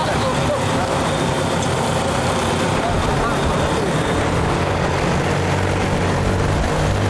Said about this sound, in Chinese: 哇，啊，这个飞机真的是那个力气，感觉拉这个150斤的竹子，特别的轻松就走了。 吊竹子呢，大概像这里是大概是200米左右。一来一趟来回大概是2分钟就搞定。